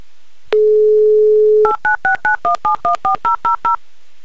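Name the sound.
telephone call being dialed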